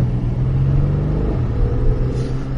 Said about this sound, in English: twin turbo burbling away. Got the windows down as we're driving this 2025 Porsche Cayenne GTS. And what a piece of equipment it is. The sports exhaust popping and cackling underneath this is somewhat addictive, to be honest.